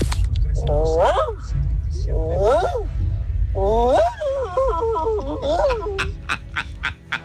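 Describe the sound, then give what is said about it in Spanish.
A person imitates a workshop dog barking: three raspy, yelping bursts of barks and whines, the last longer and choppier, over a steady low rumble. “Mi talento oculto es como perro de taller.”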